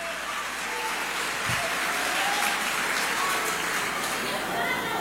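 An audience claps for the Holy Spirit steadily for about five seconds, a dense, even wash of applause at a constant loudness with no clear pauses.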